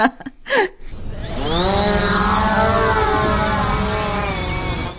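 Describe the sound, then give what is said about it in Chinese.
A few short clicks and thumps, then a drone's rotors spin up into a loud, buzzing whine that climbs in pitch and settles into a steady hum. “行了，我去放无人机了。”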